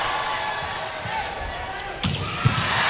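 Sharp volleyball impacts pop out of a busy, echoing crowd roar during a long rally in a volleyball match, several quick hits landing close together near the end as the crowd noise swells, the rally ending in a point for Surabaya Samator.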